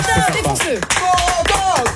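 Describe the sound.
An audience applauds steadily for about two seconds, a dense, fairly loud patter of many hands, with cheering voices and tonal sounds rising and falling over the clapping.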